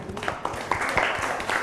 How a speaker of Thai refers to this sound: แจกันใส่ดอกไม้จากไม้ไผ่ใช่ไหมคะในท้องถิ่นเราก็มีไม้ไผ่เยอะเนาะเก่งมากค่ะปรบมือให้กลุ่มสองค่ะ